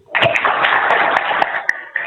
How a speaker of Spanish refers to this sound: Así es que desde esta sala nosotros deseamos con este fuerte aplauso el mayor de los sucesos, el éxito total al Black Friday 13ª edición.